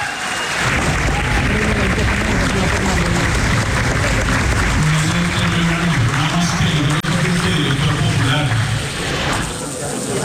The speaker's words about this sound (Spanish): Si quiere, escuchemos cómo el auditorio del salón donde se están llevando a cabo las conferencias pues la elogió en medio de aplausos.